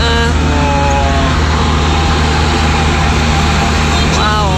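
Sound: road traffic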